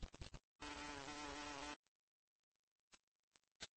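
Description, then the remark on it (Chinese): A loud bumblebee buzz drones steadily for about a second as a bumblebee arrives, preceded and followed by scattered faint clicks and rustles in otherwise quiet surroundings. “蜂的身影终于出现了，这是游园精幼虫期待已久的大黄蜂。”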